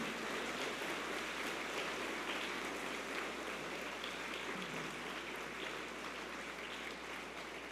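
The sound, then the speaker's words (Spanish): A crowd claps steadily for several seconds, a dense, even wash of many hands with no break and no voices over it, applause given at the welcome to the Sagrado Corazón de Jesús. “Le brindamos un fuerte aplauso al Sagrado Corazón de Jesús.”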